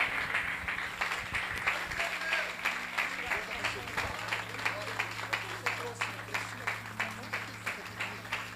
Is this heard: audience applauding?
yes